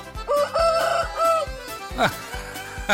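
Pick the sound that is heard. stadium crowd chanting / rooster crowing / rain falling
rooster crowing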